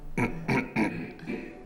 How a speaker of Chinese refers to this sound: 你咳嗽什么呀？我说的不对呀。